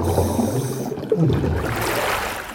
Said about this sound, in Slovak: Nepočujem vás dobre, lebo mi v ušiach zaľahlo. No, boli sme pod vodou.